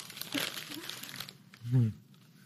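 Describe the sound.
Gift wrapping paper crinkles and rips as a present is torn open in a busy, rustling burst for about a second, then quiets as a short voiced exclamation sounds over the last scraps of rustle. The present inside is a Declaration of Independence shot glass.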